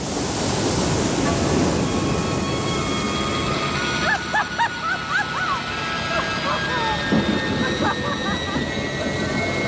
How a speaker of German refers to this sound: Die Wellen zerschlagen schon das Heck, die Planken brechen.